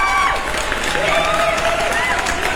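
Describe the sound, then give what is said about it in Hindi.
An audience applauds loudly and steadily throughout a morning show on FM Moradabad 89.6, a dense wash of clapping mixed with cheering voices and a few whistle-like tones rising above it. “Thank you so much everyone, आप सबने आज की सुबह पार्टिसिपेट किया एंड आपकी ये जोरदार तालियां।”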